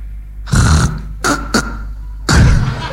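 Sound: imitated choking snore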